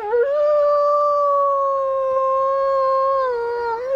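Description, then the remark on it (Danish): A single long wolf howl rises briefly, then holds a steady, sustained pitch for several seconds before bending up at the end. It is loud, clear and alone, with no voices. “der nu ved Fjellerup på Djursland er blevet fanget en ulv, altså på et vildkamera”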